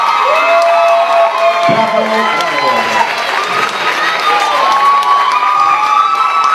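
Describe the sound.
Loud audience cheering and applause fills the whole stretch, a dense roar of many voices with high whoops and shouts rising and falling over steady clapping.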